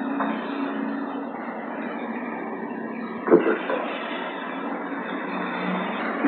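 A car's engine and road noise hold a steady rumble throughout, broken by a brief thump around the middle. No one speaks.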